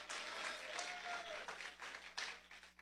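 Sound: audience clapping hands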